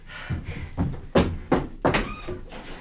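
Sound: knocking on a door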